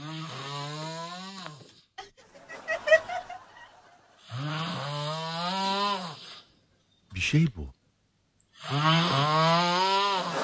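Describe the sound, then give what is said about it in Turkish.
A man snores loudly at night, recorded by his wife, in long, droning, rising breaths, three big snores spaced a couple of seconds apart, with a short snort between them and a brief voice speaking in a gap. “Tam horlamanın yüksek seviyeye çıkacağı sırada bir geri çekilme geliyor horlama.”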